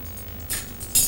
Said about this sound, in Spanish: Coge varios cubiertos de un cajón de la cocina.